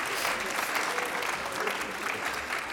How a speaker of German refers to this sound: Sehr gut, ein Applaus. Bravo.